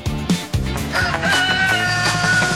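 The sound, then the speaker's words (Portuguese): A rooster crows loudly, one long drawn-out cock-a-doodle-doo that fills the whole moment, with no one speaking. “O Galo cantou na Móveis Estrela.”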